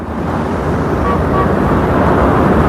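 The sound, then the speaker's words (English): A car drives through traffic, following a Jaguar, its steady engine and road rumble filling the scene with a loud, continuous wash of noise and no voices. “He is driving behind her Jaguar. She turns left. He follows.”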